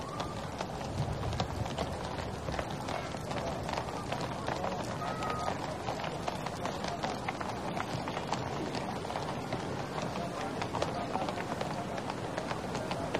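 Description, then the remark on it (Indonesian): A dense, steady clatter of the hooves of a mounted troop of 81 cavalry horses, the number matching the years of Indonesia's independence, striking pavement in Jakarta in overlapping rhythms, continuous for the whole stretch, with a faint murmur of voices underneath. “Ini adalah pasukan berkuda yang berjumlah 81 yang menggambarkan umur kemerdekaan Republik Indonesia.”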